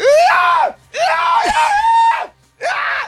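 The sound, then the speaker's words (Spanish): A voice imitates a very loud sneeze with three strained, shouted vocal bursts, each rising then falling in pitch, separated by short silences. “No, un estornudo que hace un ruido... Un escándalo.”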